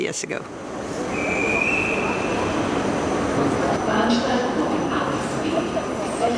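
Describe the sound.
Busy train station ambience at a station in Vienna: a steady rumble of trains with a brief metallic squeal, and indistinct background voices murmuring throughout, fairly loud and continuous.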